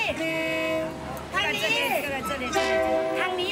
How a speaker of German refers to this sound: Hier ist es sicher. Zur Seite, der Zug.